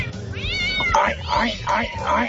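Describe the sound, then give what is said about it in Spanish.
A person's voice imitates a cat, producing a series of about three to four rising-and-falling meows in quick succession, fairly loud. “Como dijo ayer Mickey Mouse, Minnie Mouse, era el gato miau, miau, miau.”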